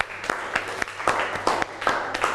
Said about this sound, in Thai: โอเคขอเสียงปรบมือให้เพื่อนครับ